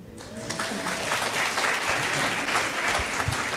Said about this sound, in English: She, well, y'all can clap better than that.